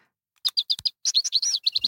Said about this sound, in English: I'm going to go with the I'm going with warbler. The yellow rumped warbler. I'm going to stick with that. Yep. Yellow rumped warbler. The nickname of this bird is Butterbutt, and here's what it sounds like.